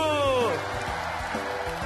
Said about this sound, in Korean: 자, 효자 형님, 호랑이 형님에게 모두 모두 박수!